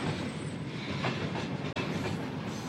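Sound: train clattering along rails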